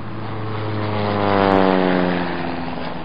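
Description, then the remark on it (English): A propeller plane drones steadily overhead near elephant country in a reserve, its engine hum rising slightly in loudness midway and holding as a continuous, moderately loud whir with no voices present. “that plane you hear up ahead is probably Warden Matua”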